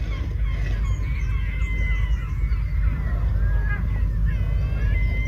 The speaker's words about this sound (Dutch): Het is grappig, hè, dat alle klokken elders toch mooier klinken dan thuis. Net als meeuwen, want die hebben wij thuis ook. Maar Galicische meeuwen